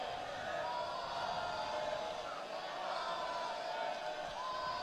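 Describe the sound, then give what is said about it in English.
A baseball crowd jeers and heckles Kimball, the right-handed pitcher, in the fifth inning, a steady wash of many voices shouting and murmuring together at an even, fairly loud level, with no single voice standing out. “Crowd getting on Kimball.”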